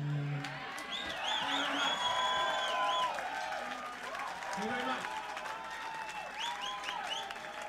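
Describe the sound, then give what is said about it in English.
A crowd screams and cheers continuously, many high voices overlapping in rising and falling wails and whoops over a steady roar, loud throughout with no pause. “Excellent screaming.”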